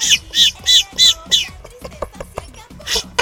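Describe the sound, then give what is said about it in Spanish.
A person whistles a quick series of short, high, squeaky peeps, imitating a baby chick, about five evenly spaced chirps, then a few more irregular ones. “Yo cuando chiflo parezco pollito, mira.”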